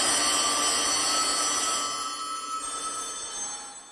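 Many old telephones from a private collection ring at once, their bells forming a dense, overlapping metallic jangle that stays loud and then gradually thins out toward the end. No one speaks.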